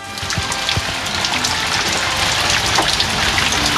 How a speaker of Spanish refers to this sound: Escuchemos, hay un audio cortito, dura un par de segundos, de las precipitaciones. ¿Se logra escuchar o no?